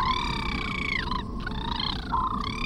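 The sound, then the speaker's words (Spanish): An eerie mermaid song picked up by a submarine, coming from behind it: a sustained, high, harmonic tone that glides and wavers in pitch, dipping and rising again, over a steady low rumbling wash of noise, with no one speaking. “Debe ser un canto de sirena.”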